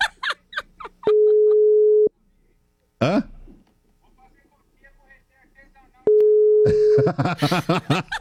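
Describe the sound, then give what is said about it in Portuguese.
Two steady, mid-pitched ringback tones about a second long each, spaced several seconds apart, as an outgoing phone call rings out; people speak in between and after the second tone. “Vou ligar pra essa cachorra.”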